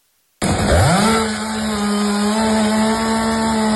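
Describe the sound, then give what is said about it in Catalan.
A chainsaw roars to life abruptly, revs upward in pitch, then holds a loud, steady buzzing drone for a few seconds as cleanup and gardening workers cut fallen trees in the Santa Eulàlia neighbourhood of L'Hospitalet de Llobregat. No one speaks. “I això que sentiu són els treballs dels operaris de neteja i jardineria al barri de Santa Eulàlia de l'Hospitalet de Llobregat, després del sorpresiu esclafit que va provocar la caiguda d'arbres ahir a la tarda, però no va deixar això així cap ferit.”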